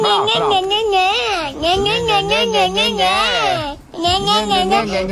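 A young child cries and babbles loudly, a continuous wavering, high-pitched wail that breaks off briefly near the end before starting up again.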